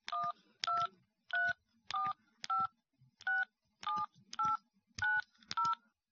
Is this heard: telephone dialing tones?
yes